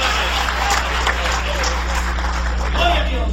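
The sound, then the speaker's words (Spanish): A church audience applauds the Holy Spirit steadily, a dense wash of clapping that never lets up, with scattered shouts and cheering voices mixed in over a low electrical hum. “Dale un aplauso de poder al Espíritu Santo esta noche.”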